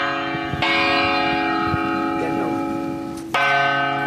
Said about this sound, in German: Sehr spektakulär, denn sie und ihr Ensemble, die hängen sich als Klöppel kopfüber in Glocken. Und das klingt dann so, wie wir das hier hören. Menschlicher Körper auf Glocke.